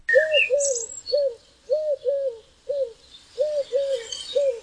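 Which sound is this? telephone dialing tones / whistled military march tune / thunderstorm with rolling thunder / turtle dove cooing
turtle dove cooing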